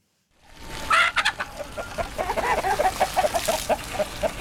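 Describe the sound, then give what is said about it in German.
A flock of chickens clucks busily in the chicken run of a farm in Nutetal, south of Potsdam, Brandenburg, a steady run of short, repeated calls with an occasional louder, drawn-out cry mixed in, and no one speaking. “wässert seine frisch gepflanzten Pappeln im Hühnerauslauf auf seinem Hof in Nutetal, südlich von Potsdam.”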